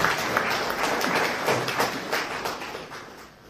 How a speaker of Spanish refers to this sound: Muchas gracias por este espiritual regalo. Un aplauso también por tan importante regalo.